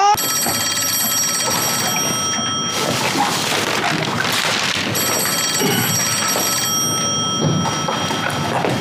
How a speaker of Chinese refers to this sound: 哎，接电话。 你咋不接？